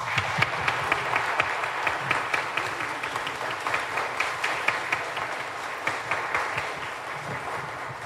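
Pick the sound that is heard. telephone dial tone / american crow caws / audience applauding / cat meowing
audience applauding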